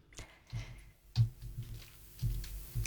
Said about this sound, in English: I do apologise. I'm having trouble with... Would you like me to take over? No, it's okay. I'm just having the keyboard is sticking.